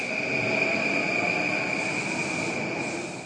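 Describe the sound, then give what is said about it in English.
A bullet train in Tokyo, Japan, rushes by at 200 miles per hour with a steady, loud roar and a thin, high-pitched whine riding over it, sustained throughout with no voices. “Neon-lit skyscrapers, robots serving coffee in a corner cafe, and bullet trains whizzing by at 200 miles per hour.”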